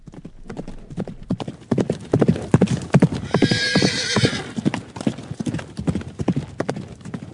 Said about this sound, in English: When you hear hoofbeats, think horses, not zebras.